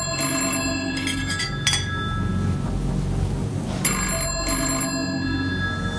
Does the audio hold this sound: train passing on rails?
no